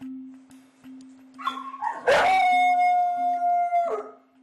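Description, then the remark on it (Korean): A dog named Jeff, left alone during a separation anxiety test after eating up his treats, lets out one long howl that slides upward, holds a steady high pitch for about two seconds, then wavers and drops away, over a constant low background hum. “간식을 싹 해치우더니 금방 하울링을 시작한 제프.”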